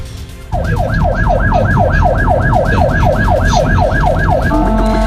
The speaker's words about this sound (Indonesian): sopir kendaraan listrik itu mengaku tak mendengar suara sirine ambulans yang melaju di